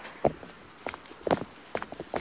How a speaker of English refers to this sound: This is actually just me excitedly walking back